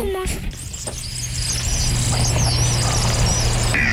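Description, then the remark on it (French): A kingfisher's very high, thin whistling calls come in a series of short piercing notes over a steady low rumble that continues throughout. “C'est comme un sifflement très aigu. Vous allez voir ce qu'il fait.”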